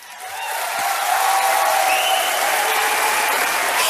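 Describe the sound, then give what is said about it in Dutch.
Sustained applause from an audience in a full hall at a 2023 poetry night, a dense, steady patter of many hands clapping that swells within the first second and then holds at an even, loud level with no voices on top. “Ik heb heel veel gedichten, niet te lang klappen.”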